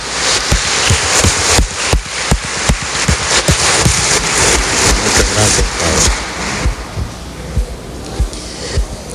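A church audience at a Holy Eucharist Mass breaks into steady applause for a visiting priest, a dense crackle of many hands clapping that stays loud for several seconds before thinning out toward the end.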